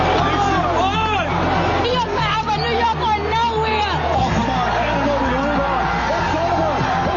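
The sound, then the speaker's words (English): A large crowd in New York roars and cheers, celebrating the New York Knicks winning the NBA championship against the San Antonio Spurs, ending a 53-year drought: a dense, loud wall of overlapping shouting voices that stays steady throughout, with individual yells rising and falling in pitch. “The city filled with tears, cheers, and a lot of blue and orange this morning.”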